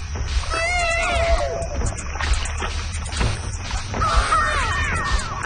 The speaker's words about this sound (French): C'est un bébé, en fait, sur un vinyle, dans un vinyle de Sound Effects des années 70.